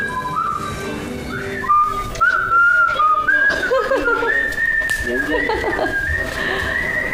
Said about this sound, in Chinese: 我这有年头没听你吹口哨了哈。